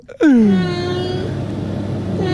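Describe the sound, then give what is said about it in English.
A cat from Northern Ireland lets out one long, drawn-out meow that starts high, slides down in pitch and holds steady, loud over a low background rumble. “You think that's an Irish cat?”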